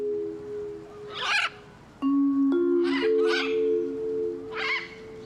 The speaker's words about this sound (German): dass unser eine Ara anfängt zu niesen